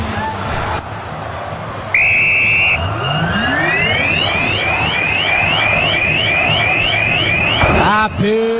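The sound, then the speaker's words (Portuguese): A referee's whistle gives one sharp, piercing blast lasting under a second. It is the final whistle, blown by Flávio Rodrigues de Souza, of Cruzeiro's Superclássico Mineiro at the Mineirão stadium, the first leg of the Copa do Brasil quarter-finals. It cuts through the loud, constant roar of the crowd, which carries on afterward. “Apita pela última vez do jogo no Mineirão, o Flávio Rodrigues de Souza.”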